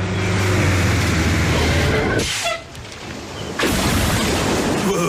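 A truck rolls up with a loud, steady engine rumble and low droning hum, briefly easing off midway before the heavy roar swells back in. No one speaks.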